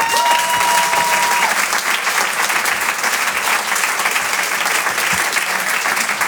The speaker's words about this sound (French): Et je vous demande d'applaudir très très fort, s'il vous plaît